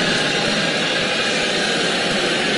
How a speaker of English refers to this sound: A commencement speech. University of Central Florida. Listen to how this woman was booed.